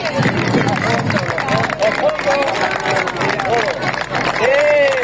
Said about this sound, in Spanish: Un año más, una cadena humana de personas han abrazado este fin de semana al Mar Menor. ¡Viva el Mar Menor! ¡Que siga limpio! ¡Un aplauso fuerte!